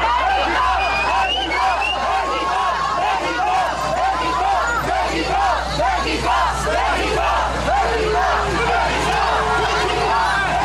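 A large crowd chants "México, México" as the vehicle carrying South Africa's national team arrives, a loud, continuous roar of voices with rising and falling shouted syllables repeating throughout, no whistling or insults, and no individual speaker standing out.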